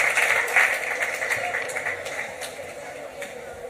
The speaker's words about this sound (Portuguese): Espectacular o coro da Xunqueira cantando no auditorio da UNED, que xa sorprendeu a todo España, pois nesa gala dos Premios Feroz, e que agora recibe este tremendo aplauso do público.